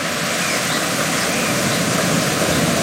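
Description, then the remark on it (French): A steady, loud roar of the Rivière d'Argent tumbling down over rocks in a cave. The water comes from the lake of Huilgouate, falls several metres, then winds between the rocks. A dense, unbroken rush with no voices or pauses. “Vous entendez, elle vient du lac de Huilgouate et chute de plusieurs mètres, serpente ensuite entre les rochers.”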